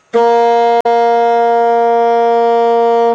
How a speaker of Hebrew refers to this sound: עד עכשיו הסקסופון שלנו מפיק רק צליל אחד, צליל שתלוי באורכו של הצינור.